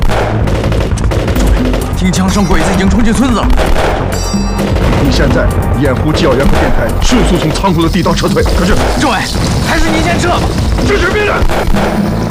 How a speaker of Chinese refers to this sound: 听枪声，鬼子已经冲进村子了。